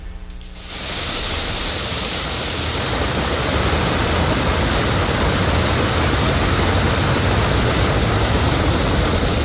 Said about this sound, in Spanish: Algo pasó ahí y se originó una enorme fuga, tremenda fuga. Agua de Puebla ignoró la fuga de agua y tuvieron que ir los bomberos. Escuchemos.